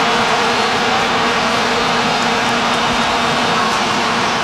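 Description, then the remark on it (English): A dense, unbroken drone of many vuvuzelas blaring at once from a stadium crowd, a loud buzzing hum like swarming insects that holds steady throughout with no voices standing out. “They will not be allowing people with their vuvuzelas into the stadiums.”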